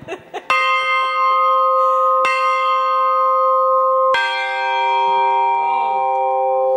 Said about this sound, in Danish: Klokker